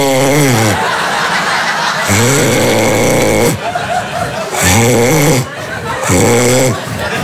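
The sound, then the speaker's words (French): A voice loudly imitates a person's snoring at night, a rhythm of about four raspy, rattling snorts with brief breathy gaps between them, exaggerated. “Parce qu'en ce moment, je vois, elle me réveille, la nuit, elle est là, tu ronfles!”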